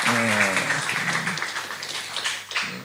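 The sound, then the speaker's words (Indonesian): An audience claps steadily for about three seconds for university students at the UNER Graduate School, a dense, even wash of applause, with a voice briefly speaking over it near the start and again toward the end. “Tepuk tangan bagi mahasiswa yang bermasa depan cerah ini ya.”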